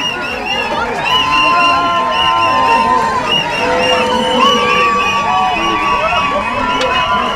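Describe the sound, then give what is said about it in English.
A crowd cheers at an airport arrivals area as returning Irish activists, intercepted on flotilla boats, walk through arrivals, many voices shouting and whooping over one another in a loud, continuous roar of excited sound that never lets up. “There were cheers and tears when they walked through arrivals.”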